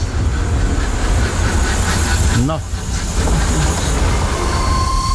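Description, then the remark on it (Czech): A motor railcar's engine runs steadily, a loud, constant low rumble with broad hiss on top, while a voice says a single short word midway. “Tam je slyšet ten motor, no, že by motorový vůz Komarek z roku 1903.”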